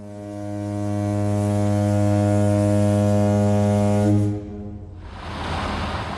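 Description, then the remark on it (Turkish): A ferry's steam horn sounds one long, deep, steady blast lasting about four seconds, rich with buzzing overtones, as the ferry weighs anchor for the Islands (Adalar), then cuts off, leaving a broad rushing wash of water and engine noise. “Vapur düdüğünü çaldı.”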